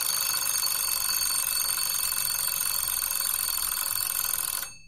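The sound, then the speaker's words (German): A shrill alarm from a phone alarm or kitchen timer rings continuously, signalling an agreed fixed time has been reached; a bright, rapid bell-like ringing that stays loud and steady for nearly five seconds before abruptly cutting off. No one speaks. “Man kann dann zum Beispiel den Handywecker stellen oder eine Küchenuhr. Wenn es bimmelt, ist der vereinbarte feste Zeitpunkt erreicht.”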